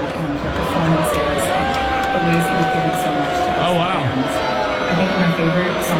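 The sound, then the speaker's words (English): A large crowd roars continuously, with more boos than cheers, sustained drawn-out booing tones mixed with scattered cheers and whoops in reaction to a video being shown, while a person speaks briefly over the din. “it sounded like it was met with more boos than cheers.”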